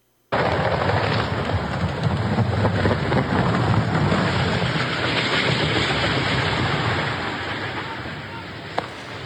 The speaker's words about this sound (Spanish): Es justo en este momento en el que se desploma el helicóptero.